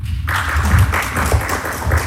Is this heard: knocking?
no